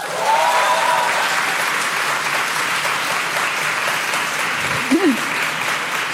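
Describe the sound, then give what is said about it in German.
Loud, sustained applause from an audience asked to clap loudly if they identify as millennials, a dense steady wash of clapping lasting several seconds, with a brief voice rising over it near the end. “Aber wir fragen mal kurz, und zwar, ich würde gerne in Form von Applaus das Publikum fragen. Es klatsche doch bitte einmal laut, wer sich hier auch als Millennial identifiziert.”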